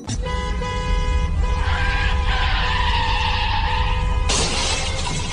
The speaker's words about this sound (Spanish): Ya choqué el carro, primo.